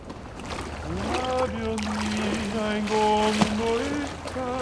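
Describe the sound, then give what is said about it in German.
Gently lapping water of the Venice canals makes a soft, steady wash beneath a gondolier's sustained, melodic singing voice that carries long held notes throughout. “Mit den Klängen der sanft plätschernden Kanäle verschmelzen die Gondoliere-Gesänge jetzt zu einem beeindruckenden Venedig-Soundtrack.”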